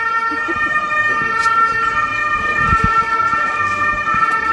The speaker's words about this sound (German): Moment gerade, ich glaube, wir lassen da den Ambulanz durchfahren.